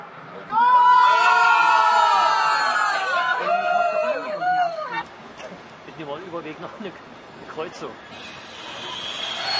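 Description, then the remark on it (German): A large group of football fans watching a World Cup match live on a train bound for Östersund, Sweden, cheers and shouts loudly together in sustained, overlapping bursts, then fades into lower chatter and scattered calls against a steady background rumble and hiss. “Eine große Runde Fußballbegeisterter hat sich für Fußball entschieden, dieses Spektakel im Zug live zu verfolgen.”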